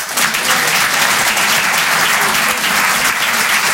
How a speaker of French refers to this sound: Par applaudissement, qui trouve ça marrant ?